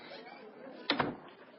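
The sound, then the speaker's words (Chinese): A military adjutant pulls an office door shut before a meeting of officers, with a sharp double knock, two quick thuds a split second apart, over a steady low background murmur. “随着副官关门的声音，到会的军官们都坐直了身子”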